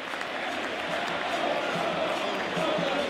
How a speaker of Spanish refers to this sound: El hincha de Vélez se dio cuenta que tenía que empujar al equipo cuando Tigre, con astucia, escuchen el aplauso porque vale la pena.